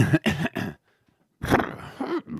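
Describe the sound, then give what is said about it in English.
A person vocally imitates an elephant: three quick, rough, breathy bursts, a short silence, then a longer strained trumpeting cry that sounds somewhat like a horse. It is fairly loud. “Can you give it what you would do if you were that elephant?”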